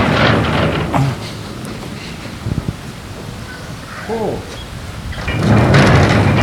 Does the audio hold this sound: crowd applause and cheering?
no